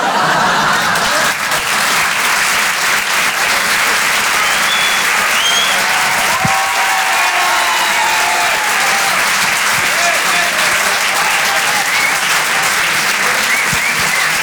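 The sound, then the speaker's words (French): Loud, sustained applause from an audience for a comedian on a Rire et Chansons show, a dense steady clatter of many hands clapping for the full stretch, with faint whoops and scattered voices mixed in. “On peut l'applaudir très, très, très, très fort.”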